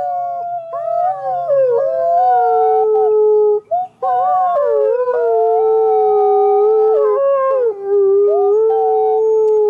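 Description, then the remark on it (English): Several endangered red wolves howl together in long, overlapping wavering tones, sustained and fairly loud for nearly the whole stretch, with one brief pause midway before the chorus resumes. “Yes, those are actual sounds of red wolves.”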